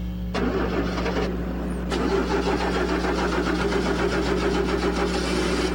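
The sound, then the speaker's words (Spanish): A car engine with starter trouble cranks and sputters in a failed first attempt, then cranks again and catches, settling into a rough, steady running rumble, with no voices. “¿Qué pasa con tu carro, Luis? Ay, problemas con el arranque.”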